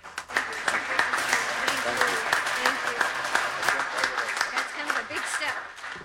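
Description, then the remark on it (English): A steady round of applause from many hands at a charity check presentation, dense and crackling, holding at an even, fairly loud level for about six seconds with a few voices mixed in. “Thank you for the round of applause.”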